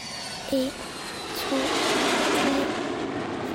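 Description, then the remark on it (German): Airplane engines spool up into a broad, steady roar that swells slightly louder and holds, with a couple of brief faint tonal blips over the noise. “Als die Motoren starten, denke ich wie immer an den Tod.”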